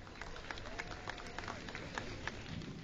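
An audience applauding a judge being introduced at a singing competition in Malaysia: a steady, dense wash of clapping with scattered sharper claps poking through, fairly soft and even in loudness for the whole stretch.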